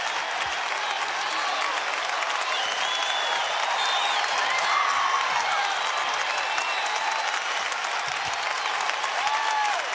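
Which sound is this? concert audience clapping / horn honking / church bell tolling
concert audience clapping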